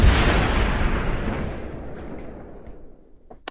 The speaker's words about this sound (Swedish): Och nu kommer kanonerna då, får vi se om det var några här.